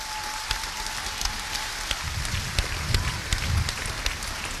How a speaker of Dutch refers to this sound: En ik wil daar zo meteen even een heel hard applaus voor.